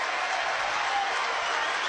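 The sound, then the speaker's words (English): A large, partisan West Virginia stadium crowd at a baseball game applauds and cheers in support of the batter, a steady, dense roar of clapping and voices, sustained and fairly loud throughout the short stretch with no clear individual speech. “No balls, two strikes as Yell getting the support from this partisan West Virginia crowd.”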